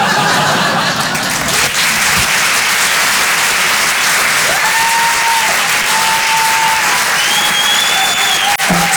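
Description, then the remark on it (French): A comedy show audience applauds steadily throughout after a comedian's sketch, a dense, loud wash of clapping, with a few whistles rising over it and scattered laughter mixed in. “Parce que d'habitude, à la fin de mes sketchs, le public, il applaudit.”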